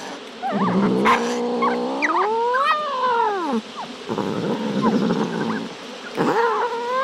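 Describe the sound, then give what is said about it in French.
An angry cat caterwauls, letting out loud, drawn-out yowls that climb and sag in pitch, with brief gaps between several strained cries and no talking. “Ce chat semble en colère.”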